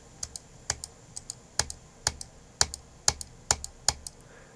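A computer mouse clicking repeatedly, about a dozen sharp clicks at an uneven pace with brief pauses between them, and no one talking.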